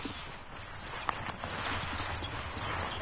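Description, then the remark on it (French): A hazel grouse sings in autumn, thin, very high-pitched whistling notes, a few drawn-out tones in a row, fairly faint over a soft outdoor background with no talking. “La gélinotte des bois.”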